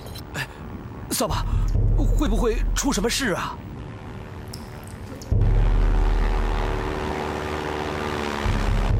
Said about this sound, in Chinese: 有飞机，紧闭。 飞机，是飞机！大哥，一定是胡主席来接弟兄们了。